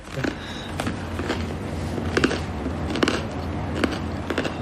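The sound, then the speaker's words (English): Crisp, crackly crunches repeat at an uneven pace as someone bites and chews crunchy bread, with a low background hum and no talking. “Oh, wow, the bread is crunchy.”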